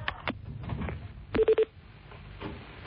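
A quick run of three short, steady beeping tones, like keys pressed on a telephone keypad as a phone call is dialed and rings, stands out amid soft background clatter and rustling.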